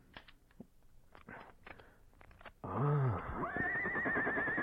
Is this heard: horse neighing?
yes